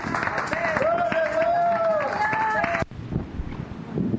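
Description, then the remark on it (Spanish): A church audience claps loudly and steadily in praise to the Lord, with raised voices calling out over it, then the applause cuts off abruptly, leaving quieter background noise. “Fuerte aplauso al Señor, hermanos.”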